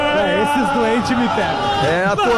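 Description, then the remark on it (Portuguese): A dense crowd of Grêmio football fans chants in unison inside the arena before a Grenal match, a loud, steady, sing-song roar with rising and falling melodic phrases that never pauses. “É a torcida do Grêmio na arena, onde estamos com o nosso posto avançado para o Grenal de logo mais.”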